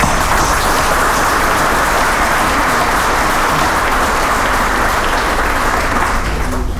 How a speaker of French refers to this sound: Et donc, je veux vous remercier pour ça et je me permets de vous applaudir, tout simplement.